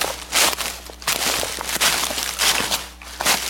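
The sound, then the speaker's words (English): Footsteps crunch through dry leaves outside in a steady walking rhythm, each step a loud, crackly rustle of brittle leaves, with no voices present. “The leaves are crunching outside, but is your floor making all the noise inside?”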